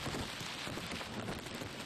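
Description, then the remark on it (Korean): Heavy summer monsoon rain pours steadily onto a bull-headed shrike's nest in a forest, a dense, continuous hiss of countless drops with a rumbling low patter underneath, loud and unbroken throughout. “때까치 둥지에도 굵은 비가 떨어집니다.”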